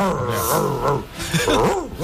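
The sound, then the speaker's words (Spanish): A listener's voice imitates an angry dog, growling and snarling in rough, rising and falling bursts that fill about two seconds, loud. “Perro saboreado.”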